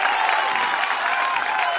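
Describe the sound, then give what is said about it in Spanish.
Steady, dense applause for the Tequis: many rapid claps blurring into a continuous bright patter at an even, fairly loud level for the whole two seconds, with no voices over it. “Con mis aplausos a los Tequis.”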